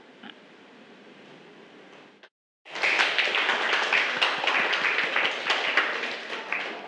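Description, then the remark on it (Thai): A group of students in a sewing-stitch lesson breaks into sustained applause to thank the makers of an educational video, a dense, bright patter of many hands clapping that stays steady and fairly loud for several seconds after a brief quiet pause. “ค่ะนักเรียนคะเดี๋ยวเรามาขอบคุณสื่อวิดีทัศน์ดีๆเพื่อการศึกษาในวันนี้กันนะคะให้นักเรียนปรบมือขอบคุณนะคะเจ้าของสื่อนะคะ”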